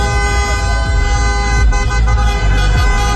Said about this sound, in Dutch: Maar feest is er bij supporters van Marokko op allerlei plekken getoeter.